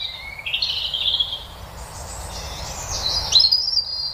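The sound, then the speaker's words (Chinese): Fluffy baby birds cheep in a steady, overlapping stream of high, thin chirps, fairly loud, over a low rumbling background with no talking. “还有一类我们特别喜欢的动物是毛茸茸的小鸟，我们会把它们的形象印到贺卡、毛巾和玩具上。”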